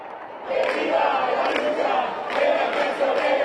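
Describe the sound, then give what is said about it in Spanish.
Thousands of people protesting the housing crisis in the streets of central Madrid shout slogans together. It is a loud, sustained roar of many voices, rising in waves after a brief quieter start. “Entre gritos y consignas, miles de personas protestaron en Madrid contra la crisis de la vivienda.”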